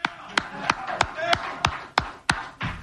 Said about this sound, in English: We clap for Jose. I know a lot of you guys can't because you're in the media and you got to be neutral, but I'm gonna clap for Jose.